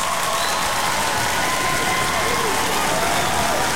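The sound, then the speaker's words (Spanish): A crowd claps steadily and loudly, a dense, continuous patter of many hands with faint cheering mixed in, lasting throughout. “Aplauso para todos.”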